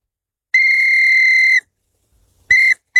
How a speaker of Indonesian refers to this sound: Tahun lalu ayah kasih hadiah peluit ini, Bun. Kata ayah, kalau aku tiup peluit ini, ayah pasti datang.